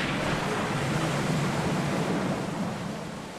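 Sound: stormy sea waves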